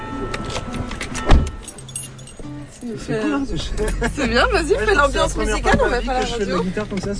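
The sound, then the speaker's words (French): Keys jangle and rustle as people get into a car on Groix, one taking the front seat, then a single solid thump like a car door shutting, followed by people talking over a low, steady rumble. “On prend ta voiture, …, alors je monte devant, d'accord?”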